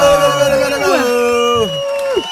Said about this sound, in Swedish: Varma applåder till